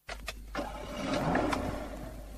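A car engine idles quietly and steadily, a low, even hum held for the whole moment, with a few soft clicks near the start and no voices.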